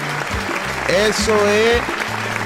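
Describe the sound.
An audience claps steadily and loudly in praise to the Lord, a dense wash of many hands, while voices call out and shout over the applause.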